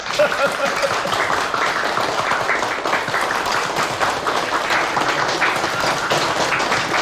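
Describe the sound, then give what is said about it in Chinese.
Steady applause from a crowd at a meeting, clapping for comrade Huang Wenxiu, many hands in a dense, continuous patter that holds at an even, fairly loud level for the whole stretch with no voices standing out. “来之前，县委部书记呢专门给我打电话，他说在这个会议上一定要表扬一下北泥村和黄文秀同志，我们大家为黄文秀同志鼓鼓掌。”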